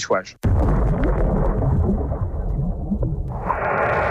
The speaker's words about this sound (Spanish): Así es como suenan distintas explosiones de bombas bajo el agua.